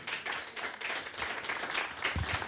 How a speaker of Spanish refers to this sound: Aleluya, denle palmas al Señor. Aleluya.